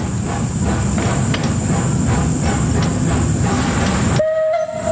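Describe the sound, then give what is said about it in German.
An over 130-year-old steam tram, locomotive 12, rumbles and hisses steadily with a faint rhythmic chuffing in front of the tram depot in Bern, its steam engine heated for four hours that morning; then near the end the noise drops away and a short whistle tone sounds as it sets off. “Sie dampft und zischt vor dem Tramdepot wie ein Tier, das endlich aus dem Stall will.”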